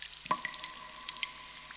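Water rushes steadily in a continuous hiss, with a few faint drips and splashes standing out, as a stream gushes out of a cave. No voices are heard.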